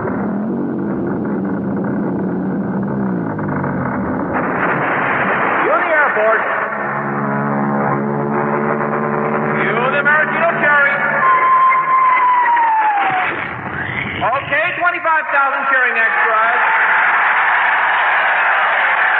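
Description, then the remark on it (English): A loud, continuous wash of sound effects: a deep rumbling roar as a 700-foot mountain of whipped cream rolls into Lake Michigan, drained and filled with hot chocolate; a Royal Canadian Air Force aircraft towing a 10-ton maraschino cherry overhead, its engine whining with a sweeping pitch; and 25,000 extras cheering throughout. “I want the 700-foot mountain of whipped cream to roll into Lake Michigan, which has been drained and filled with hot chocolate.”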